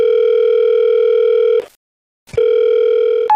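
A telephone ringback tone as a staff member connects a call to a manager: a loud, steady electronic buzz rings for about a second and a half, pauses briefly, then starts ringing again. No voices.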